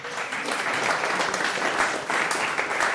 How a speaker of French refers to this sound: Et le public, alors, on dort ou quoi? Applaudissements du public pour ma fille.